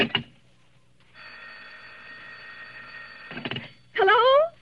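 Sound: telephone bell ringing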